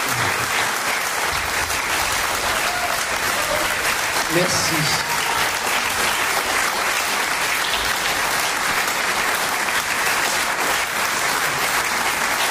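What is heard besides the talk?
audience applause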